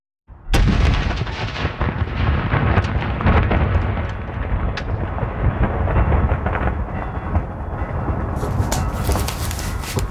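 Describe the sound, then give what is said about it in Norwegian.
A cannon salute at Fredriksten Fortress in Norway, part of 63 shots fired that day, booms out with a sudden loud blast, followed by rolling, echoing rumbles and further heavy reports, as ceremonial blank rounds fire continuously over about ten seconds with no talking. “Den gangen var det en ordentlig kule, men nå det løskrutt.”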